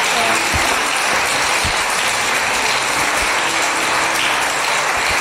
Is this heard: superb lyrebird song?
no